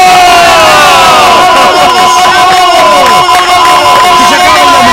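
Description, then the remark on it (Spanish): A loud, continuous roar from a huge stadium crowd celebrating Curaçao's goal against Germany in its World Cup debut, a blue wave in the stands, with many overlapping shouts and wavering cries swelling over a dense wall of cheering. “¡Hace que se despliegue en la grada la ola azul celebrando algo histórico”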